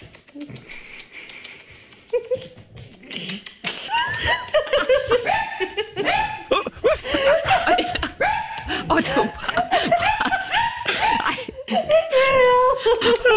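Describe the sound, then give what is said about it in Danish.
A dog whimpers and whines in high, wavering cries that come in quick, overlapping bursts. Loud laughter and chuckling from people mix in throughout, after a quieter start. “Hvis hun skulle være i tvivl, så er det hunden.”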